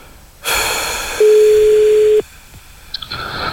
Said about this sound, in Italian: Primo squillo, dicevano in un programma radiofonico una volta. Secondo risponde. Squillo. Ti dico che risponde.